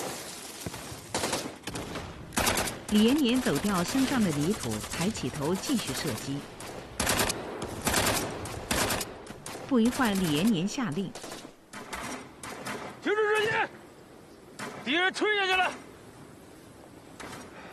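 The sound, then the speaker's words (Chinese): Loud, irregular bursts of battlefield gunfire crack throughout, some in rapid volleys, with high wavering wails rising between the shots. “李延年走掉身上的泥土，抬起头继续射击。”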